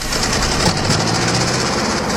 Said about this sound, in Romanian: Ah, după zgomot s-ar părea că au plecat cu un tractor.